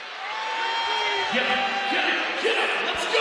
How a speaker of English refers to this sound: Crowd of just over 5,700 trying to will one of these balls to miss.